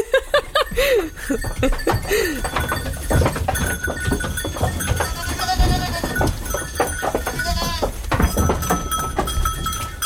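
goats bleating

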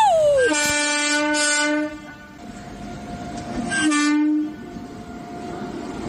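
train passing with horn

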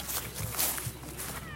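footsteps

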